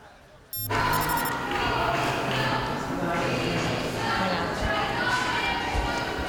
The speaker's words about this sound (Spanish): Bueno, pues ya lo están escuchando y oyendo, abucheos y gritos de dimisión. Así ha sido recibida la ministra Elma Saiz a su llegada a la reunión con el presidente de la ciudad autónoma de Ceuta.